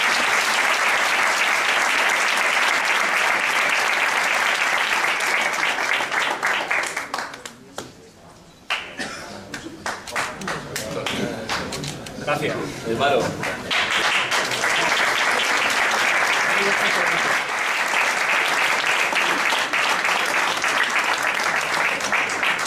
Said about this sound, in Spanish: Un hombre que hace muchísimas cosas sociales por la ciudad. Y este es un aplauso especial por eso. También.